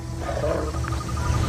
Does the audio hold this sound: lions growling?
yes